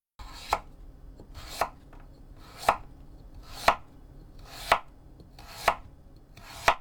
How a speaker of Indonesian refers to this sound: Berikutnya kita iris-iris memanjang wortelnya bentuk korek api dengan panjang 3 cm.